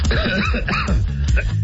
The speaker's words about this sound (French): Et pendant que tout ça, ça te faisait tousser, hein?